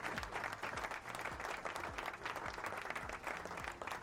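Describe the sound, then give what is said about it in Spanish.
An audience breaks into sustained applause, a dense, steady wash of clapping that holds at an even loudness throughout, with a faint low rhythmic thump running underneath. It is an ovation introducing the guest performer Pablo Angeli. “y lo presentamos con una ovación al gran Pablo Angeli con nosotros.”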